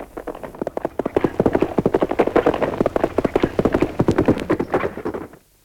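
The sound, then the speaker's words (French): Rapid, dense hoofbeats of the fastest horses, saddled to chase a stagecoach, pound loud in a fast, irregular gallop for several seconds, then cut off abruptly. “fait seller les chevaux les plus rapides pour partir à la poursuite de la diligence.”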